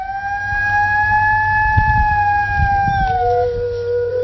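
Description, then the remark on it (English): A gray wolf howls in one long, steady, mournful note that dips lower near the end as a second voice seems to join, over a faint low rumble of wind or background noise. “This is the howl of a gray wolf.”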